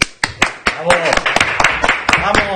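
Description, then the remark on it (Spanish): A canned applause sound effect: sharp, steady clapping rings out at a brisk, even rhythm, fairly loud, as voices chatter and call out over it throughout. “Cada día suena más cutre el tema de los aplausos.”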